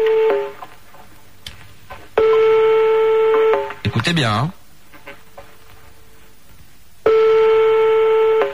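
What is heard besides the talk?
telephone dialing and ringing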